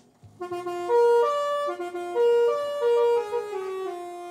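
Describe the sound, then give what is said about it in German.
A mobile library bus, arriving at its stop, sounds its horn in a short melodic tune of about eight sustained, stepping notes, loud, with no voices. “So, jetzt sind wir da, jetzt müssen wir einmal hupen.”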